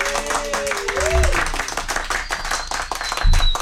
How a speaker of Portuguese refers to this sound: Eu quero encerrar de uma forma diferente hoje, com a plateia aplaudindo a gente, por favor.